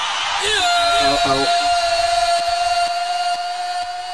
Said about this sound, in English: If you're in this auditorium, let me see your shouting.